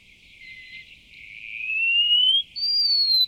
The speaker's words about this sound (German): Der Mauerläufer.